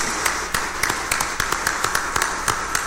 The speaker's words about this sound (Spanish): démosles un fuerte aplauso de felicitación.